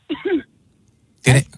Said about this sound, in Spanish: …, ¿tú estás tosiendo? ¿Estás fumando algo o eso fue un estornudo?